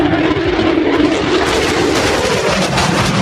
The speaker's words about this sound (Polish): Samoloty F-35 zostaną dziś oficjalnie przyjęte do służby. Trwa właśnie uroczysty przelot maszyn. Pojawiły się już nad Westerplatte.